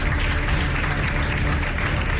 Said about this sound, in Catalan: Demanem que pugi ara a l'escenari a entregar el següent premi al secretari de Telecomunicacions i Transformació Digital de la Generalitat de Catalunya, el senyor Albert Tort. Un fort aplaudiment per ell.